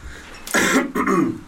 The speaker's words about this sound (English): Let me clear my throat. Yeah, that's going to be the ceremony every time I clear my throat. Okay, that's good. Let me clear my throat.